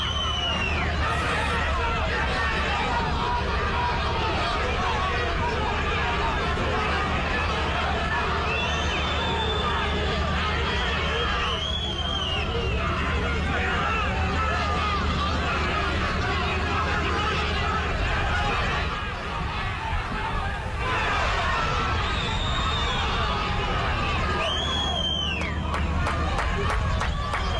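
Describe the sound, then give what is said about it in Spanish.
A large stadium crowd of Cerro fans in the stands roars with a dense, sustained wall of jeering and booing at players leaving the field, while piercing whistles rise above it at intervals, the hostile din continuing without pause throughout. “Sí, se retiran y son abucheados, silbados.”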